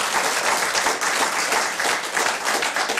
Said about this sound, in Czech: Ale zatleskáme mu. Děkuji.